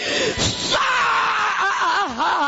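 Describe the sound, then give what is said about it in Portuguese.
A person screams loudly and continuously during a religious deliverance prayer, a strained, wavering cry that rises and falls in pitch, with brief gasping breaks and a noisy, crowded background. “Só tem gritado aqui, mas... Grita aqui, mas...”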